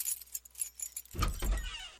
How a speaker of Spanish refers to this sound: Hay sonidos que lo cambian todo. ¡Wow! Como el de una puerta que se abre. Pero esta vez, la de tu casa propia.